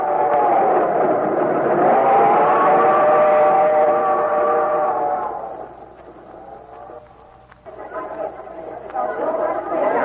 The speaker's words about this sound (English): First time I've been down in New York subway. Yeah? Yeah. Well, this is the busiest subway station in the world, …. Times Square.